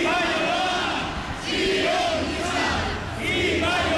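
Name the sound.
protest crowd shouting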